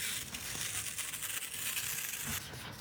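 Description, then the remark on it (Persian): Adhesive tape being stuck onto a window of a home: a steady crackling rip that runs for a couple of seconds before stopping abruptly, with no one speaking. “من انقدر چسب زدم دیگه باید جایزه چیزی بهم بدن، یعنی هر کسی انعامدار نشد بیا تو کار چسب زدن خونه های مردم.”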